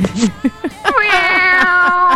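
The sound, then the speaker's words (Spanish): A person in a recorded voice message imitates a cat, giving a few short meow-like cries followed by a long, drawn-out wavering meow, fairly loud. “El maulló y todo en el audio, no puede ser.”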